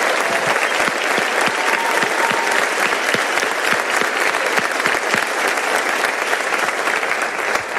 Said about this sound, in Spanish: Entonces pido un fuerte aplauso para ellos que hacen que sea posible.